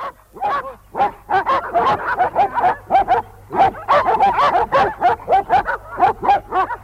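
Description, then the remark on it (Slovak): Several dogs bark in a rapid, overlapping chorus, loud, with yips mixed in and hardly a pause for about seven seconds; no one speaks. “Idem sa pozrieť na psov.”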